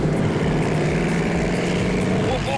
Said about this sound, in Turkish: Ama bu arabanın ruhunu korudun sen. Ha. Çünkü o sesi hala sahip olduğunu görmek için gaz pedalına basmak istiyorum.